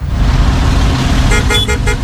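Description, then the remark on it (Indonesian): Heavy, steady engine rumble of idling traffic in a traffic jam fills the scene, then several car horns toot in short overlapping bursts toward the end, loud. “Gak kau tengoknya lagi macet kali ya? Lihat itu, gara-gara kendaraan yang di depan sana itu.”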